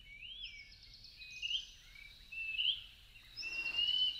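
A greater pewee (Contopus pertinax), a Mexican flycatcher also called José María or Pibí tengo frío, sings a series of clear, slurred whistles, rising and falling in a few short phrases, with faint background hiss and no voices.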